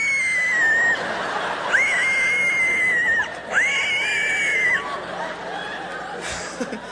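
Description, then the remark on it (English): A voice imitates heavy, strained breathing after working out very hard at the gym: three long, high-pitched wheezing squeals, each held at a steady pitch and separated by brief pauses, fairly loud. “And he ever worked out so hard he started breathing funny?”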